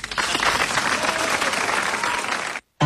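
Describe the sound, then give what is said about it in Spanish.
Loud, dense applause from many hands for a man from Rosario on the radio show La Mañana de Mía, 104.1, a steady crackling wash of clapping that cuts off abruptly, followed by a brief silence and a short burst of sound at the very end. “y un fuerte aplauso para el rosarino.”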